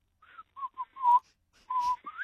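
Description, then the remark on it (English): A person whistles an imitation of a grey butcherbird's call: a run of short, clear, fluting notes, then a longer held tone and a final upward-sliding note, fairly quiet. “Yeah, I reckon it's the grey butcher bird, mm-hmm.”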